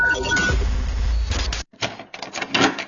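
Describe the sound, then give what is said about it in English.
A door opens with a loud, low rumbling slide that stops abruptly, followed by a brief pause and a few sharp clattering bumps and knocks. “That sound? That's opportunity. It's the first door to your dream home, the grand opening of your new business, the fresh start you've been waiting for.”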